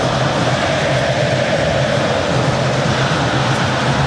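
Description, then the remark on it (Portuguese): A loud, steady roar of Flamengo football fans cheering in a stadium during a match against Bragantino, a dense wash of many voices that holds constant for the whole stretch with no single speaker standing out. “Torcida do Mengão, não para, escuta só, bom de bola.”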